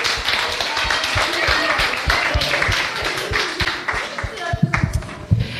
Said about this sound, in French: Bravo! Applaudissez pour vous-même!